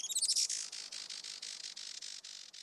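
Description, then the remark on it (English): A Juan Fernandez firecrown hummingbird gives a rapid run of high, thin, squeaky chirps that opens with a quick warbled flourish, then settles into steady repeated calls, fairly loud with no voices. “Today, conservationists with Oikonos ecosystem knowledge are working to restore the island's native forests and to ensure a bright future for the Juan Fernandez firecrown.”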